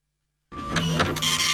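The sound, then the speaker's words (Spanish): After a moment of silence, a newly bought printer starts printing with a steady mechanical whir and buzzing feed noise. It is fairly loud, with no voices. “Sí, ahora que me compré la máquina impresora nueva. ¿Escuchás?”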